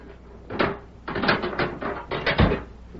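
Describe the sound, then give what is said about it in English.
A sheriff unlocks a prisoner's jail cell door in the evening: a run of rattling metallic clanks and clicks in several bursts, ending with a heavier thunk as the bolt gives. No one speaks. “That evening, Sheriff Matt Gorman went to Deke Bauer's cell and unlocked the door.”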